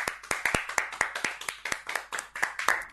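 A group of children clapping loudly for a child's poem recitation, in a quick, uneven patter of sharp hand claps that carries on steadily for several seconds, with no talking.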